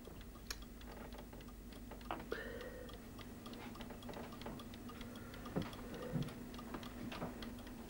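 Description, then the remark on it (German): A wooden clock movement ticks in a steady, even rhythm, soft, over a low constant hum with a few brief louder clicks; no one speaks. “Der Nachbar baute dann im Winter die Uhrwerke dazu, wenn der erste Schnee gefallen war.”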